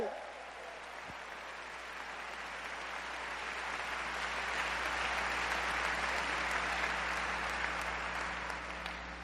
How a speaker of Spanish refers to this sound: ¡Dale un fuerte aplauso a Cristo Jesús!